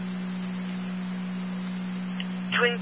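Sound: fire dispatch alert tones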